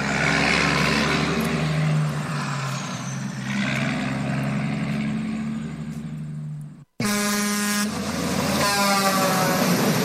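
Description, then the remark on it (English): Air horns of a convoy of 18-wheeler trucks heading for Jackass Joe's in Crescent Junction, Utah, blare in long, loud, sustained blasts over rumbling engines, cutting off briefly before another round of layered honking from several big rigs rolls in. “Dang, looks like a bunch of us 18-wheelers are lining up now. Heck, we got us a convoy heading for Jackass Joe's in Crescent Junction, Utah.”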